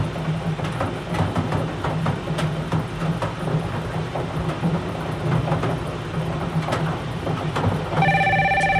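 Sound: telephone ringing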